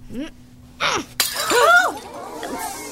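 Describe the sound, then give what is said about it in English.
A glass pitcher shatters in one sudden, loud crash as juggling balls are thrown at it, its bright tinkling debris trailing off as voices exclaim and gasp around the impact. “Please observe as I throw these harmless juggling balls at this glass pitcher.”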